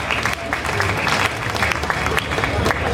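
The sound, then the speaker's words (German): Steady applause from an audience, dense overlapping claps filling the whole stretch at moderate loudness, with a faint murmur of voices mixed in. “ja, gerne Applaus”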